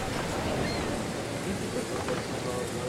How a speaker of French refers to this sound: Au cours de la nuit, un vent violent est venu balayer toute la plage. Les vagues sont venues s'effondrer et se fracasser sur le sable, venu mouiller.